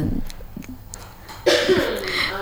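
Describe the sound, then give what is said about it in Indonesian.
A loud cough bursts out about halfway through after a quieter stretch, its harsh, breathy noise trailing off to the end. “Aduh batuk nih, sorry kak.”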